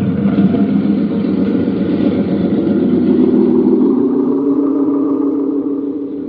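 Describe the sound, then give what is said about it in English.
A motorboat engine drones loudly and steadily, its pitch climbing partway through as it picks up speed, then beginning to fade slightly toward the end as it pulls away on an inlet carrying Mr. Kilgore. No voices. “Mr. Kilgore gets in the boat, and away they go.”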